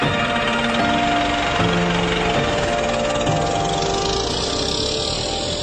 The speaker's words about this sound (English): Well, he fixed that with an axe and got his car started and coaxed his two-cylinder engine into life and drove off into his future and ours.